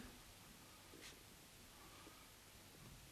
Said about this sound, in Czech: A teď se dobře dívejte, pánové. Přetřu papír tímto roztokem.